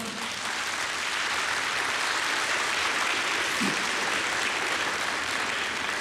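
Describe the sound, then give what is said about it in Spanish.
A church audience applauds the Lord during a sermon, a dense wash of many hands that holds at an even, loud level for the full six seconds, with no voices standing out. “Si Dios le está hablando, dígame amén, dé un aplauso al Señor.”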